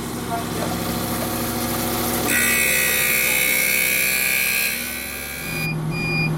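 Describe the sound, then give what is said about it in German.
An eyeglass lens grinding machine holding a lens hums steadily, then at about two seconds grows louder with a bright, whining grind over running water used for the grinding, holding for several seconds before easing back down near the end. “Jetzt kommt Wasser, weil man kann nur mit Wasser schleifen. Und jetzt wird's laut.”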